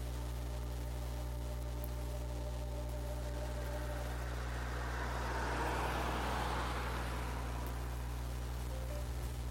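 Steady low engine rumble and road noise fill a car cabin while driving, with a broad whooshing swell midway as traffic passes or speed builds. No one speaks.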